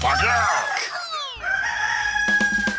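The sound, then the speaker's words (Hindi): A rooster crows loudly on Radio Mirchi's Mirchi Murga segment: one long, strained cock-a-doodle-doo with a drawn-out, falling final note, followed by a few short choppy sounds at the end. “अब प्यार से एक बार बोल दीजिए, इसको रिपीट कर लीजिएगा, बार बार बोलिएगा कुकड़ू को।”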